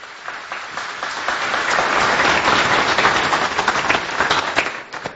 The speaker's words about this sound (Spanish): Un fuerte aplauso para cada uno.